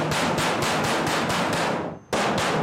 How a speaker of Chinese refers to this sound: 开门啊！我跟你讲，你要是不开门，我就拍，直到把门拍烂了为止。